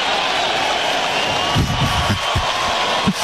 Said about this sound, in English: Would you call that a derisive round of applause? No. Yeah. Call it a Bronx cheer in New York. What do we call it here? Good question.